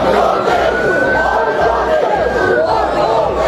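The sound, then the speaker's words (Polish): A rioting crowd in Southampton in the evening roars continuously, a dense mass of overlapping shouts and voices at a steady, loud level, with a thin sustained high tone running through the din. “A do takich zamieszek doszło wieczorem w Southampton.”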